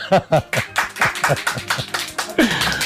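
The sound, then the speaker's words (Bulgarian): Audience applause: a brisk, steady run of claps from a small group, loud and fairly even, with some voices mixed in beneath the clapping. “Колеги, моля ви за вашите аплодисменти.”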